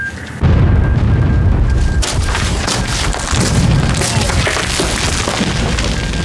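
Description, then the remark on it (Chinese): A loud explosion erupts suddenly, followed by heavy rumbling and crackling debris, with further booming bursts rolling through the next few seconds, as scouts raid an artillery position and destroy eight 105 mm howitzers. “我是师指挥部，刚才的爆炸是怎么回事？”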